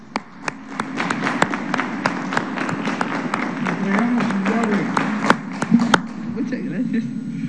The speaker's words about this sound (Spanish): Muchas felicidades. Un aplauso.